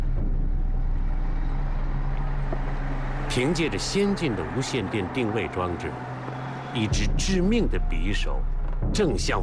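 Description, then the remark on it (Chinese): Two heavy military trucks loaded with Yamamoto's special forces rumble steadily along a remote dirt road near Lihuting, a low continuous engine drone filling the background while a man speaks over it for much of the time. “此时，在李虎亭不远的偏僻土路上，两辆军用卡车正满载着山本的特种部队行进着。”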